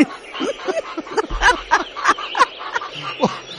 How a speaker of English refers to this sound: Well, I can hear the little chook. You can. That was my rooster singing. Was that your rooster?